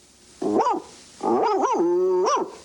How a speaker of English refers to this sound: Now at the barn. One long howl, two short, one yip and woof.